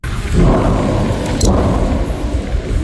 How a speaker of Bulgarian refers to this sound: Следват взривове, които се чуват в близките села. Само чух, че се гърми някъде и казаха, че завода е гръмнал.